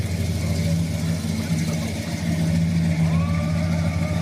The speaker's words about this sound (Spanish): El coche se detuvo, como queriendo reposar después de un largo viaje. Cansado, pero no agotado, el motor giraba en vacío. Se dejaba acelerar y mostrar su lado salvaje.